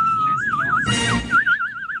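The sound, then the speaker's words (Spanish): A person imitates the whistle of a friend's wife, whistling a steady, warbling tone that wavers rapidly up and down in pitch, briefly broken midway by a breathy burst of noise before the trilling whistle resumes. “Me silbaba así.”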